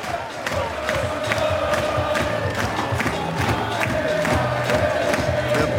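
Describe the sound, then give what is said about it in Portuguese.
FC Porto fans in Viseu sing together in a loud, steady chant after their team's win over Académico, with Porto players also singing and clapping; regular sharp claps punch through the crowd noise roughly twice a second. “A cantar, a bater palmas, é o que fazem também os jogadores do Futebol Clube do Porto.”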